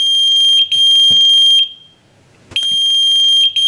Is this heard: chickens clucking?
no